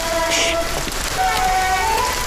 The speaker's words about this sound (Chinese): 你嘘嘘我，你上来，下雨呢。